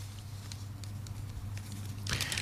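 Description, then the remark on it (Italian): A newspaper page is picked up and handled: a few faint crinkles and ticks, then a brief, louder rustling burst at the end, over a steady low hum. “Scusate che prendo la pagina, eccolo qua.”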